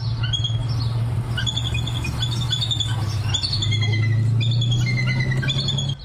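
Repeated high, thin chirping and squealing calls of a pair of bald eagles, confirmed nesting in Los Angeles County, come in quick overlapping bursts throughout, over a steady low rumbling hum in the background.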